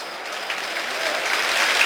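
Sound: stadium crowd applause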